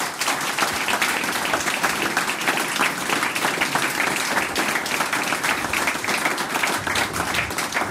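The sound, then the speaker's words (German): An audience applauds a family that has sung and made music together for 27 years. For the full eight seconds there is a steady, dense, even wash of many hands clapping at once, with no pauses or voices breaking through. “Noch einmal einen Applaus und Dankeschön, dass wir da sein dürfen.”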